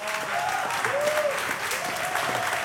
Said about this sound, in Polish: Państwo biją brawo, konfetti, szaleństwo, showman. Genialna muzyka, genialnego człowieka. Państwo biją brawo, a ja pytam,